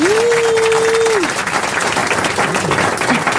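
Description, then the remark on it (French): A crowd applauds loudly and steadily, greeting the arrival of Christophe Beaugrand, while a single sustained high whistle rings out over the clapping for about a second, followed by a few fainter whistles amid the ongoing applause. “J'ai cru que le public sifflait Hector Obalk parce qu'il connaissait pas Ribéry.”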